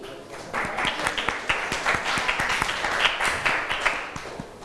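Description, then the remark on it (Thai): A group claps steadily for a few seconds for the fifth group of classmates as they are invited to present, sharp overlapping hand claps forming a dense, even applause with many crisp individual claps standing out, no talking over it. “ถัดมาขอเชิญกลุ่มที่5ได้เลยมาเลยค่ะปรบมือให้เพื่อนหน่อย”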